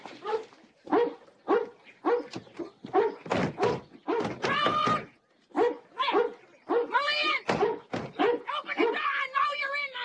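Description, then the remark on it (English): A dog barks excitedly, firing off rapid, repeated barks with a few higher yips and whines mixed in, almost without pause from start to finish, as a disheveled woman runs up the front walk with it and struggles to keep it under control. “a disheveled woman with a dog runs up the walk. She struggles to keep the dog under control.”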